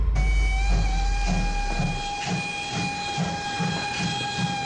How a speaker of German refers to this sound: Mit einer Dampflokomotive. Alle an Bord!